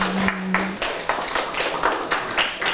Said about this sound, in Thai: ปรบมือเพื่อนๆหน่อยครับเก่งมากๆเลยครับ